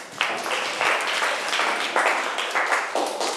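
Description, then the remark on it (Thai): A classroom group claps together in a steady, rushing burst of applause lasting a few seconds, even in loudness, with no voices over it, applauding a classmate who answered well during a lesson about wood. “เก่งมากเอาปรบมือให้เพื่อนค่ะ”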